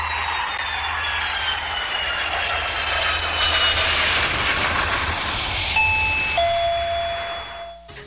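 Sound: doorbell ringing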